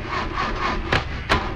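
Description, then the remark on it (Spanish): A car starter cranks over and over in a steady, grinding rhythm without the engine catching, with two sharper bursts of noise near the end. No one speaks. “Pues mi carro también, ya no quiere arrancar.”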